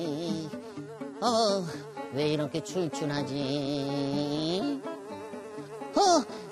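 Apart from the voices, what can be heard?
fly buzzing in flight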